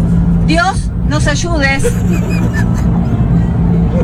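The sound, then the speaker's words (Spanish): A car engine on the verge of stalling, a heavy low rumble heard from inside the vehicle throughout, with a person speaking urgently over it for the first few seconds. “se me está quedando el auto.”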